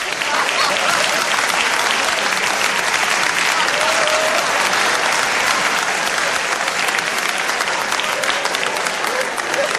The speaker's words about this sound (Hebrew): נקבל אותו במחיאות כפיים סוערות.